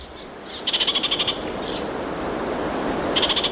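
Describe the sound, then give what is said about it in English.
An orange-fronted parakeet (Kākāriki Karaka) gives rapid, high chattering calls in two quick bursts, with a few short sharp notes before, over a steady hiss of background ambience. “Kākāriki Karaka. Orange-fronted parakeet.”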